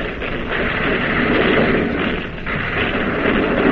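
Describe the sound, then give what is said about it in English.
The main battery guns of the warship Boise fire shells at an enemy cruiser in a dense, continuous roar of heavy blasts that blur together, staying loud and steady throughout with no voices. “Now the main battery of the Boise is pumping shells at the second jet cruiser.”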